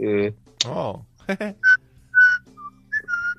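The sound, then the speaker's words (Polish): A person imitates a pet cockatiel, whistling a phrase of the Imperial March, a short, march-like tune of about five clear high notes, fairly loud, after a moment of voiced vocal sounds. “Tak jak na przykład papugi nimfy, a miałem papugi nimfę, kupiłem kiedyś siostrze, na urodziny i nauczyłem ją całej frazy imperialnego marszu gwizdać.”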